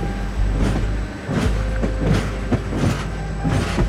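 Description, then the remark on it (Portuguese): The Lusitânia Expresso passenger train, travelling from Lisbon to Madrid in November 1966, clatters along the rails with a steady, heavy rumble, rhythmic clanks and knocks recurring every half second or so. It is fairly loud, with no voices. “Por isso, às 8 da noite de 25 de novembro de 1966, Armanda Palhota senta-se no Lusitânia Expresso, o comboio que a vai levar de Lisboa até Madrid, para depois seguir de avião para Havana.”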